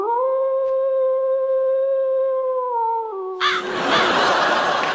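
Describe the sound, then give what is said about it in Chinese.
A person playing the big bad wolf imitates a wolf howl with one long, steady, drawn-out wail that drops slightly in pitch, then breaks off into a loud, rough burst of noisy sound. “我跟你说，我就是大灰狼。”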